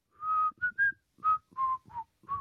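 Someone whistles a short tune: a series of clear, pitched notes in a bouncy phrase, some held and some quick, with brief breaths between them and no talking.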